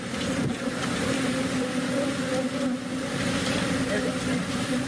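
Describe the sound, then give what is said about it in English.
A dense, continuous buzzing drone of a swarm of about 2 million bees escaped from an overturned 18-wheeler on a highway in Mauriceville, Texas, as people in beekeeper suits try to wrangle them; loud and steady throughout with no pauses, with a low rumbling hum underneath. “This is how it sounded as the many people in beekeeper suits were trying to wrangle the bees.”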